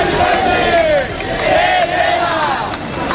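A large housing protest crowd in Madrid, marching from the Puerta del Sol to the Congreso de los Diputados from 6:30 in the evening to demand the right to housing, chants loudly and continuously, many voices rising and falling together in sweeping, sustained shouts over a dense roar of noise.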